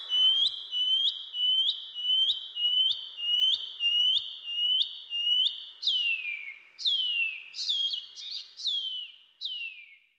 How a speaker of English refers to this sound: The PP Wharaurua. The Shining Cuckoo.